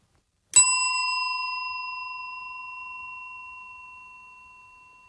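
A single bright strike of a hand bell, its clear metallic tone ringing out and slowly fading over several seconds in a long, sustained decay, with no talking.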